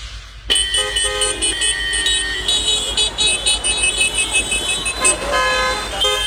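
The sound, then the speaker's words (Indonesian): In a traffic jam, several car horns honk over and under one another in a dense, continuous clamor, with long blasts and short toots layered above a low rumble of idling traffic. “Kebayang gak sih kalau tidak ada lampu lalu lintas bakal terjadi seperti ini, gaduh dan macet.”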